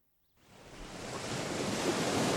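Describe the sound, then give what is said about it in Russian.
Sea waves break on the shore in a steady, building roar of surf that swells in after a moment of silence and fills the scene, continuous with no voices. “В один из дней синица, оказавшись на берегу моря, стала хвастаться тем, что сожжет его.”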